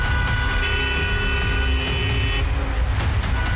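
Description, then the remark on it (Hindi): Congested road traffic in a jam about 3 to 4 kilometres long rumbles steadily, with idling cars and trucks. A sustained horn blares for about two seconds, joined by scattered shorter honks. No one speaks. “3 से 4 किलोमीटर का जाम जो है ये हमारे बिल्कुल सामने तस्वीरों में आप देख सकते हैं।”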